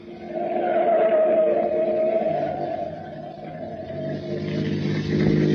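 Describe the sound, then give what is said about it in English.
A car engine roars loudly as the car takes a turn fast and accelerates hard, its whining pitch easing briefly then climbing again, with no voices over it. “Now, take that turn fast. I don't want to lose track of that truck.”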